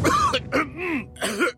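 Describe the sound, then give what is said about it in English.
Three quick, dry, hacking coughs, with a short strained, throaty rasp between the second and third, and no talking. “Laban sa dry non-stop ubo, kati sa lalamunan due to post-nasal drip at sakit sa kakaubo.”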